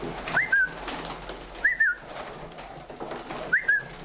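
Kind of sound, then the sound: bird, pigeons cooing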